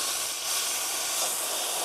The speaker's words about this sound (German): Dampflanze wird vorbereitet, dass man damit auch Milch schäumen kann.